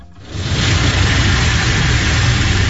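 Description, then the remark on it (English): A car wash in Central Florida sprays soapy suds that cascade down a car windshield: a loud, steady rush of hissing water over a deep mechanical rumble, swelling up within the first half second and holding constant. “The loud and rhythmic sounds of car wash, soapy suds spraying and cascading down the car windshield, are a common refrain across Central Florida this time of year.”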